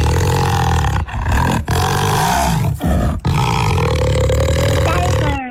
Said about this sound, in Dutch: Het was geen tijger, maar wat is het wel? Nee. Ja? Panter. Ja! Panter.